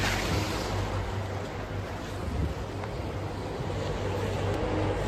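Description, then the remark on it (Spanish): A tourist boat's engine drones steadily as it moves along the River Thames in London on a cloudy morning, with constant rushing water and wind noise filling the background throughout, and no one speaking. “Seguimos aquí por el río Támesis en esta pues mañana bastante nublada, de pronto llueve, pero no nos evita que podamos disfrutar de esta ciudad.”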